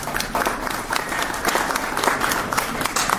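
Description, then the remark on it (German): A crowd at an exhibition event applauds steadily for a few seconds to welcome a harpist, a dense, even patter of many hands clapping at once, moderately loud, with no voices over it. “Einen Applaus.”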